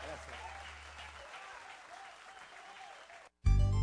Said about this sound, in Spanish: Que se escuche fuerte el aplauso